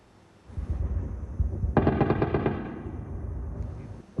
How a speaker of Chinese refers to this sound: 外媒视频显示，24号凌晨，密集的防空炮火声响彻基辅夜空，且不断的有巨大的爆炸声传出。